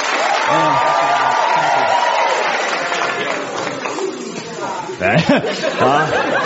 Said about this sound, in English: I'd like you to do that by clapping enthusiastically for a bit